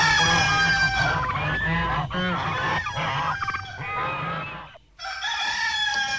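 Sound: rooster crowing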